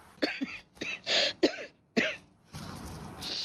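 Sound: repeated coughing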